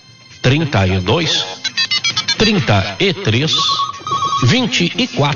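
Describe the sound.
A telephone rings with a rapid, pulsing electronic trill, mixed in with a man talking loudly nearby, followed by a brief steady tone as the talking continues.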